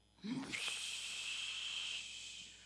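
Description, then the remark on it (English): A brief low vocal sound, then a steady, airy hiss like the ocean heard in a seashell, holding evenly for about two seconds before fading. “It says, I hear the ocean in the shell.”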